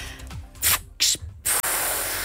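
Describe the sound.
A voice imitates a bus kneeling (lowering itself) with a series of loud, breathy air hisses: three short bursts in a row, then one longer, steady hiss that runs to the end. Made on WDR 2 radio.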